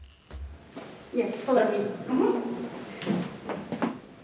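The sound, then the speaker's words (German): Wooden floorboards creak underfoot in the Russian Theatre in Riga, Latvia, a few drawn-out squeaky groans followed by softer footstep thuds, moderately loud, as someone walks past leather armchairs and old theatre posters. “er führt über knarzende Holzdielen, vorbei an klobigen Ledersesseln und vergilbten Theaterplakaten.”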